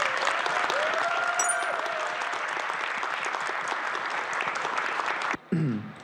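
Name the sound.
audience applause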